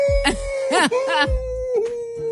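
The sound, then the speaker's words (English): A person imitates a wolf howl with one long, steady, sustained vocal tone, fairly loud, while bursts of other voices break in over it. “That's my sound of a wolf.”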